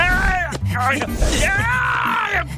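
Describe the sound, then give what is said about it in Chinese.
The cartoon bear Xiong Er cries out in pain with loud, drawn-out groaning wails, voiced by a person, rising and falling in a few strained bursts. “是熊二的惨叫声，他肯定是老醉了。”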